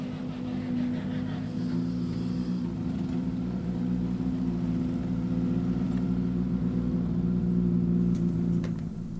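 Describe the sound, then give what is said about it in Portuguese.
A rally car engine drones steadily as the car approaches the control zone during a rally competition, a low rumbling hum that holds level throughout, with no clear rise or fade. “Voltar a deixar que os carros se aproximem mais da zona de controle, senão fica um espaço muito grande entre carros e depois vai-se criando mais trânsito, digamos.”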